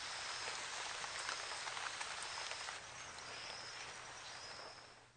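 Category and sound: nature, rain falling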